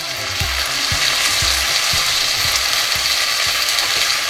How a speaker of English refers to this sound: This is supposedly one of the most satisfying food sounds. Maybe you've heard it this morning. The sound of sizzling bacon.